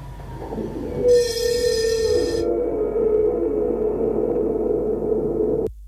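A tram rumbles past outside the window with a steady droning hum, joined early on by a bright, shrill metallic wheel squeal that lasts about a second before fading back into the rumble.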